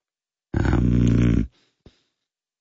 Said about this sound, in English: That's a horse. Yes, a horse.